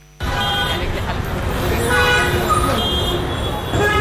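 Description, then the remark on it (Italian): Dense street traffic in Mumbai fills the scene, with repeated car horns honking over a steady roar of engines, motorbikes and buses, braking, and indistinct voices mixed into the loud din. “A Mumbai il traffico non fa da sfondo, ti viene addosso. Clacson continui, motorini che si infilano ovunque, autobus, voci, frenate.”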